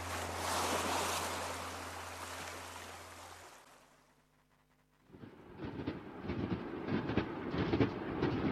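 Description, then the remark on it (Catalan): A train runs along the rails between Figueres and Girona with a loud, steady rush and low engine hum, dips briefly quieter, then returns as a rhythmic clattering of wheels over the track, with no voices. “A mi tot aquest tram en tren entre Figueres i Girona em sembla sublim.”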